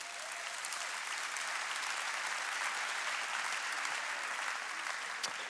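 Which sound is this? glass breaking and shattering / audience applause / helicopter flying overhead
audience applause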